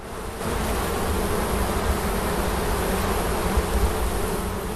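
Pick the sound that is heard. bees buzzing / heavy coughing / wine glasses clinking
bees buzzing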